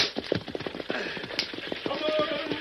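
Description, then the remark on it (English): Galloping horses, being whipped, pull a stagecoach: a rapid, steady drumming of hoofbeats with a rattling, rumbling undertone, fairly loud throughout. “Say, if you don't stop whipping those horses”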